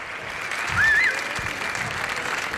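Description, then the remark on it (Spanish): An audience at a live Radio 3 broadcast from the Patio Nobel of the Reina Sofía in Madrid, on International Museum Day, claps steadily, a dense wash of many hands with a brief cheer or whistle rising above it about a second in, holding at an even level throughout. “aplauso para este arranque desde el Patio Nobel de Reina Sofía de Madrid, Radio 3 en directo, Día Internacional de los Museos.”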